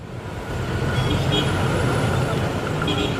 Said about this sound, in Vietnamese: Đường phố Hà Nội tăng nghẽn và ngột ngạt khói thải lúc tan tầm. Mọi người đều cố gắng nhích từng chút, gương mặt lộ rõ sự mệt mỏi. Đây là hình ảnh quen thuộc khi tham gia giao thông trên địa bàn thủ đô, đặc biệt là trong những ngày thời tiết oi bức.